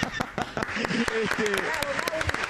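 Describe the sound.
A small group applauds with irregular, sharp claps, while voices call out and chatter underneath throughout.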